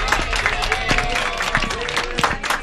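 An audience breaks into steady, dense applause for a volunteer co-host coming up during a quiz game, many hands clapping at once with a few cheering voices mixed in, filling the whole stretch at a fairly loud level.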